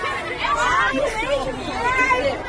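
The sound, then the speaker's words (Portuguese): A crowd of women in a women-only Metrô Rio subway car shriek and shout all at once over a rat, a loud, continuous jumble of high, overlapping voices that rises and falls without a break, like panicked commotion. “A mulherada gritando porque tinha um rato.”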